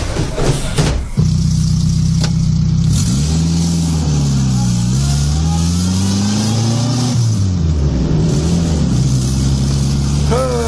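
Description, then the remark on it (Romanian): A car engine revs up and pulls away after picking up a passenger, its steady hum rising and falling in pitch as it accelerates through the gears, with a brief clatter at the very start. “Nu-mi vine să cred că în sfârșit cineva m-a luat în mașină, da.”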